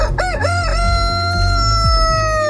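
A rooster crows loudly and close by, one long drawn-out cock-a-doodle-doo with rising opening notes and a sustained, wavering tail, over a low steady background rumble.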